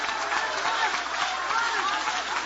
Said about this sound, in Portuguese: Oh, aleluia! Podem aplaudir, podem adorar.